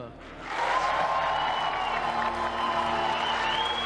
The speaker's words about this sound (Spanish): Ahora, con un caluroso aplauso, invitamos a la señora Marina Silva, ministra de Medio Ambiente, a subir al escenario para recibir los honores.